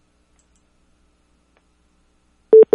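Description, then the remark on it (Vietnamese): Two short, steady electronic beeps of a telephone busy signal sound close together near the end, after a long stretch of silence. The tones are clear and fairly loud, with no voices. “Cái điện thoại của anh.”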